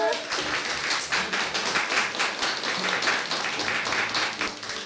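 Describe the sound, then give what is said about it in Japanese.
An audience claps steadily for several seconds when asked to clap if the food they tasted was delicious, a dense, crackling wash of many hands with no voices on top, holding at a fairly even loudness throughout. “美味しかった人は拍手。”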